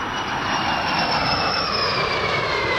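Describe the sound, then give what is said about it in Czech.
An L-39C Albatros jet trainer, grey with a yellow nose, flying over Czechia with two other jets after taking off in Pardubice: a loud steady roar of engine noise with a high whine that slowly slides down in pitch throughout, no voices present. “L-39C Albatros v šedé barvě se žlutým čumákem v doprovodu dalších dvou proudových letounů vzlétl v Pardubicích.”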